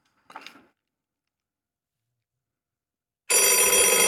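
A loud telephone in a bingo studio bursts into a continuous metallic ring near the end, after a short faint blip and a few seconds of silence. No one speaks.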